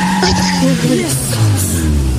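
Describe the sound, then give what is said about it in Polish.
A recording of a car being driven: the engine hums steadily with sliding tonal tire or engine whines, fairly loud throughout, with voices talking over it. “To nie są nagrania z twojego samochodu?”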